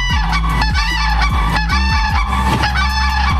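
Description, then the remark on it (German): Loud, trumpeting calls of a pair of common cranes overlap in a rapid, honking duet, the harsh rolling notes repeating steadily with no pause and no talking. “Die Kraniche leben nämlich meistens in monogamen Dauerehen, die oft sogar schon vor der ersten gemeinsamen Brut geschlossen werden.”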